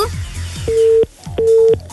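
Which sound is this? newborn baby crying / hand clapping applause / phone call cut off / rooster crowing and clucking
phone call cut off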